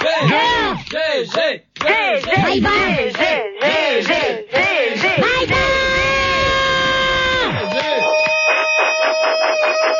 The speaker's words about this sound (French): Arrête de crier.